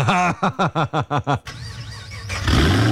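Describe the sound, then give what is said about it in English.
A car engine cranks in a quick series of rhythmic starter pulses, catches and runs, then revs up loudly near the end. No one speaks. “Rev your engines.”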